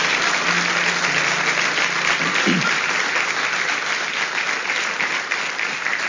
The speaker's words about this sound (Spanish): Amén. Denle un aplauso al Señor con toda su fuerza.